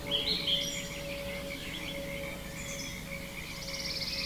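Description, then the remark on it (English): A dense outdoor ambience of forest birds chirping and whistling high up while frogs croak and trill steadily underneath, a continuous layered chorus with no talking. “I think that's a pretty darn good matchup of birds and frogs.”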